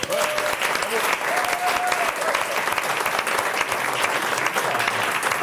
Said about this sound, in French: Ils sont beaucoup, on peut les applaudir s'il vous plaît.